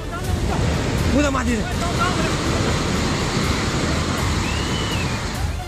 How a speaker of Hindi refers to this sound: ऐसी जलधारा जो अपने साथ सब कुछ बहाए लिए जा रही है, सारे बांध तोड़कर पानी बह रहा है, पानी के आवेग के आगे कोई ठहर नहीं पा रहा है। पेड़ पहाड़, स्कूल, होटल्स, दुकान, मकान, जानवर, इंसान सब जलधारा में बहे जा रहे हैं।